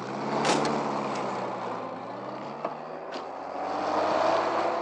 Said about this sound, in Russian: Водитель закрывает свою дверцу на ходу.